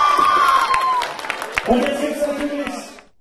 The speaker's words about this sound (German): Nummer 1! Wunderbar! Gut. Wunderbar! Dieser Applaus!